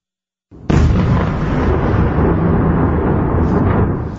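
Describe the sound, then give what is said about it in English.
A single loud explosion bursts in after a brief silence, then rolls on as a heavy, sustained rumbling roar for several seconds: explosions from Russian missile and drone attacks over Kyiv, Ukraine, overnight. No voices are heard. “Explosions thundered over the capital of Kyiv overnight as Moscow kept up its constant barrage on the city.”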